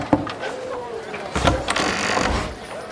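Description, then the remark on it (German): A few sharp knocks on a door land close together mid-clip, distinct, after a single earlier click, over a steady low background hum; a woman knocks on her brother's door in Lutetia. “klopft seine Frau in Lutetia an die Tür ihres Bruders.”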